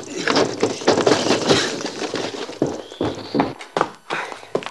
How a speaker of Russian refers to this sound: Открывает дверь, вбегает в дом.